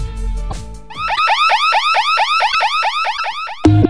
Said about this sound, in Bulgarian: 24 часа мониторинг услуги со најсовремени аларми системи од израелско потекло.